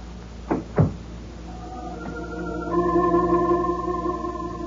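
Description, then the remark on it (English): A door shuts with two quick, solid thuds in close succession. Then a low, sustained droning tone rises and holds steadily to the end. No one speaks. “The door closed, and I was alone.”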